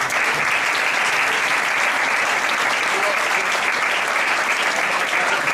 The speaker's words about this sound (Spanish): Un aplauso.